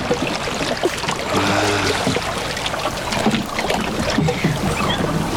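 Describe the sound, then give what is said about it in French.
Paddle strokes dip and swish through water on the other side of a small boat to give it speed, over a steady wash of water and light wind, with a brief low creak partway through. “De l'autre côté maintenant pour donner de la vitesse au bateau.”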